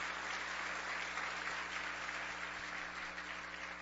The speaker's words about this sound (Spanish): Y bien, denle un aplauso a la palabra del Señor.